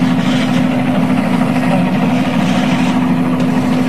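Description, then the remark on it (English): A loud, steady mechanical drone of a news helicopter overhead, with a constant low hum and a broad rushing noise that holds evenly for the full four seconds, with no voices. “Obviously, it's a news helicopter overhead.”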